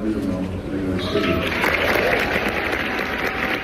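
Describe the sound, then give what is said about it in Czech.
Orchestra musicians in the United States burst into loud cheering and applause on being told who their new chief conductor would be, a dense wash of clapping and excited voices that swells after the first second and stays strong throughout. “Když hudebníkům oznámili, že bude jejich novým šéfem, propukli v jásot, jaký byste čekali spíš od fanoušku.”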